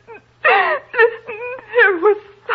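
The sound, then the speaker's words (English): A woman cries and wails in long, quavering, high-pitched moans, rising and falling in several loud sobbing bursts with brief catches of breath between them. “Well, stop crying and tell me what it is.”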